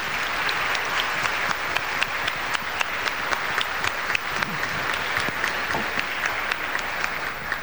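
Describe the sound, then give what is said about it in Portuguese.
An audience at a parish Mass breaks into sustained applause of gratitude for the parish's women's rosary group and reflection groups, many hands clapping in a dense, steady patter that stays loud and even throughout, with no voices standing out. “Vamos manifestar a nossa gratidão com uma forte salva de palmas.”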